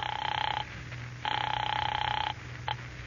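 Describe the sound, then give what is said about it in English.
A telephone rings in bursts as the operator rings a caller's number, one short ring, a longer one, then a brief clipped start, heard thinly as if down the line over a steady low hum. “Operator, how about my number? I'm ringing it now.”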